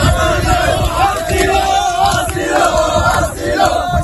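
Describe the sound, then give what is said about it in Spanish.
A large crowd of migrants, about 500 camped on the Playa del Trampolín beach, chants the word "asilo" (asylum) over and over in a loud, rhythmic shout, many voices merging into a dense, continuous roar with repeated pitched rises. “Al grito de asilo, asilo, han vuelto a acampar con lo que tienen en la arena.”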